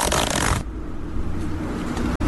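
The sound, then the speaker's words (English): A zipper being zipped up: a loud, bright rasp for about half a second, then a softer, steady scratchy buzz that runs on to the end, with no voices. “Mine wouldn't take 1 second to zip up.”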